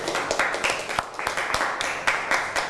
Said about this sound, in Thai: อ่ะปรบมือให้กับเพื่อนหน่อยครับ